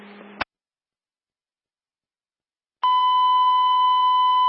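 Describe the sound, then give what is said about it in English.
A brief burst of radio static cuts off into silence, then a loud, steady fire department dispatch alert tone sounds, holding one unbroken pitch through the end, alerting Monroeville units to a fire alarm activation at a Lowe's store on William Penn Highway. “Yeah, it's alerted for the fire alarm activation, 4200 William Penn Highway.”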